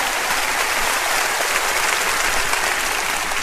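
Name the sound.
loud applause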